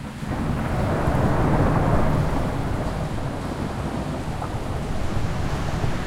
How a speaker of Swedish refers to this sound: September 2017. Brungrått vatten forsar fram över gatorna i Vega Baja. Och hela tak flyger av husen.